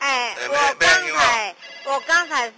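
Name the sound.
telephone ringing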